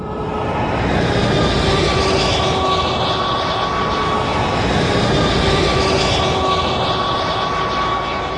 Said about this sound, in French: Le camion passe la frontière bulgare, sans le moindre contrôle, en tout cas pour l'instant. Maintenant, entrez sur l'autoroute.